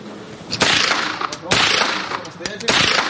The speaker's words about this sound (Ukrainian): Гучні постріли та зосереджені погляди. Для цих підлітків це більше, ніж просто навчання стрільбі.